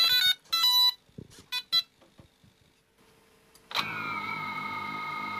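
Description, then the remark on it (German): Electronic beeps and short clicks as a Ukrainian military drone carrying an explosive payload is armed and switched on, held down by a soldier inside a position, then its motors spin up into a loud, steady high-pitched whine with a sharp rising onset. “Das Scharfstellen und das Anschalten der Drohne, das klingt dann so.”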